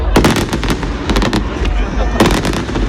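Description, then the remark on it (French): A fireworks display over the Garonne river in Toulouse, France, in the evening, explodes in a dense, rapid series of sharp bangs and crackles, with a loud burst cluster near the end, over a constant rumble of a crowd watching from the quays. “Il y avait du monde sur les quais hier soir à Toulouse pour voir le feu d'artifice sur la Garonne.”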